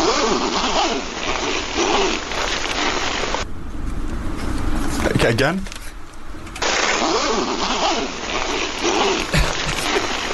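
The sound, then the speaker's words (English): A zipper rasps open and shut in loud strokes, with a short pause between pulls and a brief spoken remark partway through. “Okay, here's number two. Zip number two.”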